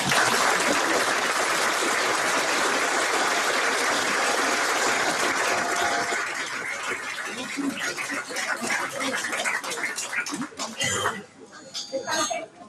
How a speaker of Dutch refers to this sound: En nu zijn er twee kinderen die jou een bedankje willen geven. Oh. En dan mag best een applaus bij.